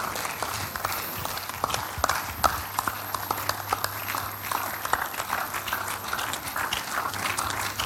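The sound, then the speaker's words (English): A church audience at a morning service claps hands together as a clap offering in praise to the Lord, a dense, steady patter of sharp claps lasting the whole time, with a low steady hum underneath and no one speaking. “Celebrate him with clap offering this morning, someone.”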